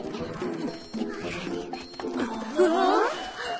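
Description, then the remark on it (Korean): A polar bear from the Arctic growls in low, drawn-out rumbles that rise into a louder, wavering groan near the end, heard alone without speech. “얘는 누구지? 북극에 사는 북극곰이구나.”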